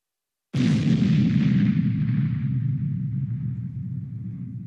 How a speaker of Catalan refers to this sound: Una explosió en català serà BUM, B-U-M.